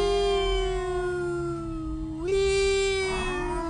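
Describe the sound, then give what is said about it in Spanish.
Sirens of police patrols, ambulances and fire trucks wail loudly and steadily at 9:30 at night in the Altos de Chiapas region of Mexico, a bright, buzzy tone that holds level, then slides up a step partway through and carries on. No one speaks. “Se escuchan las patrullas, las ambulancias, los carros de bomberos.”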